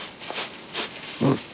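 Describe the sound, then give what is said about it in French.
A koala sniffs a eucalyptus leaf: two quick, airy sniffs followed by a lower, throatier snuffle, all fairly soft with no talking. “Il repère une nouvelle feuille, la renifle.”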